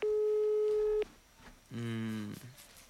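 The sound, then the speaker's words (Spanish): Two steady electronic phone ringing tones of an outgoing survey call, a one-second tone followed after a short pause by a lower, buzzier tone lasting about half a second, both fairly loud and clear with no talking. The called phone has wifi turned on. “Cuando los tonos son así es porque tienen el wifi prendido.”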